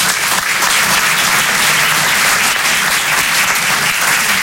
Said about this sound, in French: Enfin, je veux dire, ça se revendique pas d'être hétéro, par exemple, vous le savez très bien. Applaudissez les hétéros.